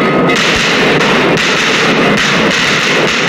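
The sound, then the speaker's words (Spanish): Firework bombs explode in a continuous barrage at a traditional bomb-burning celebration of 420 bombs in total, with several heavy booms breaking through a dense, loud, crackling roar that never lets up. “y también la presencia de personas que desde las aldeas están observando esta tradición de la quema de bombas.”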